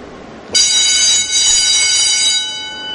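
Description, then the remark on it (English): A loud doorbell in an enormous, idle factory packed with machinery starts abruptly and rings steadily for a couple of seconds, a harsh, shrill metallic tone with dense overtones, easing slightly toward the end. No one speaks. “That's a loud doorbell, right?”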